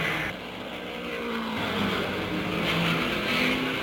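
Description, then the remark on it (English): A race car driven by Keller roars out of the pit and accelerates away after a fast pit stop for three tires and refueling during the 500. Its loud, steady drone climbs in pitch as it picks up speed, with a faint squeal of tires and no voices. “The jacks go down, and there goes Keller out of the pit just that fast.”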